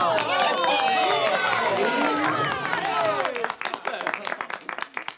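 A large circus audience cheers and claps enthusiastically, with many overlapping whistles and shouts at first, giving way to sustained dense applause toward the end, as spectators climb onto the benches in excitement after seeing flying horses.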